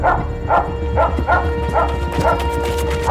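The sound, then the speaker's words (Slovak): A dog barks repeatedly, about seven sharp mid-pitched barks in a quick, fairly steady rhythm, loud over a constant low hum. “Okamžite chytil psa, hlupák.”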